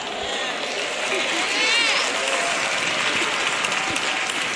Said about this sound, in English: Look at all the sisters clapping, praising the Lord, praise God.